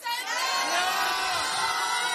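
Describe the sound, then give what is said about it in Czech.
A large concert crowd at Stříbrný rybník in Hradec Králové, Czech Republic, shouts and cheers loudly all at once before a concert begins, a dense sustained roar of many voices with high whoops mixed in, steady from start to finish. “Přátelé, já vás poprosím, abyste tak křičeli, že jste tady a jste připraveni?”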